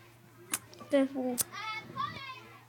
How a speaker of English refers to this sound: They sound like cats. Or dogs. It's just some kids playing outside. It's lunchtime, isn't it? For some reason, it sounds like they're trying to bang the door.